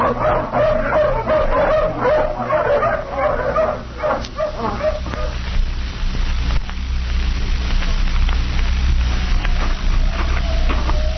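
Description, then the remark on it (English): A pack of hounds just let off the leash bursts into rapid, overlapping barks and high yips for several seconds, then the clamor drops away, leaving a steady low rumble and scattered rustling. “All right, let the hounds off the leash.”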